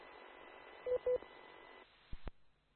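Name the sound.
mobile phone tones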